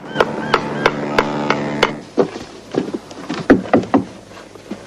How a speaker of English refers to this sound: They head inside Urquhart's, the accountant's, next door, while up on the roof, a man hammers at a tile.